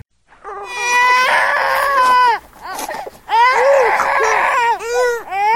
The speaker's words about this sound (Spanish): El llanto de un chico conmueve y despierta sentimientos encontrados.